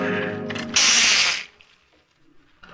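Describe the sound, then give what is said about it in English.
A short, loud burst of rapid ratcheting clicks as a kitchen clock is wound, lasting under a second, preceded by a sustained tonal sound and followed by near silence. “Oop, almost forgot to wind the kitchen clock.”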